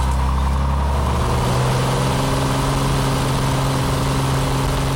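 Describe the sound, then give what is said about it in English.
A small six-seater plane's engine drones steadily and loudly, a constant low, buzzing hum with strong steady tones and no talking, as it flies a student to school in South Dakota on a 2 to 3 minute flight. “It's a little plane. It only takes like 2 to 3 minutes.”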